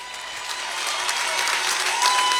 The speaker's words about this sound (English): Give a huge round of applause